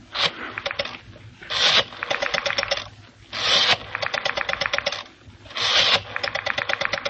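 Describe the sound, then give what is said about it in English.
A rotary telephone being dialed to call the number Hawker called, the phone number of a blackmailer. There are three scraping winds of the dial, each followed by a rapid, evenly spaced train of clicks as it spins back. No talking. “Your hand is steady, sure, as you dial.”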